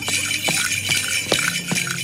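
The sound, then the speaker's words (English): Small bells on dancers' trousers jingle and rattle in repeated bursts, a bright metallic shimmer with sharp accents roughly every half second. No one speaks. “Just jump up and down and rattle bells?”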